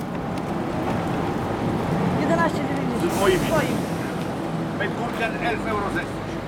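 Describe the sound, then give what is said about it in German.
Busy outdoor weekly market ambience in Barut-Mark, a small town in Brandenburg, Germany, 60 kilometres south of Berlin: a steady wash of open-air noise with scattered, indistinct voices of people chatting, plus some wind rumble, continuous throughout. “Wochenmarkt in Barut-Mark, einem kleinen Ort in Brandenburg, 60 Kilometer südlich von Berlin.”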